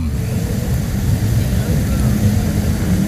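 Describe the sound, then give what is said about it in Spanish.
Four F-16 fighter jets doing exercises over Calama roar overhead in a loud, continuous low rumble that holds steady for a few seconds, the deep engine noise filling the scene without fading. “Son cuatro F-16 sobrevolando Calama.”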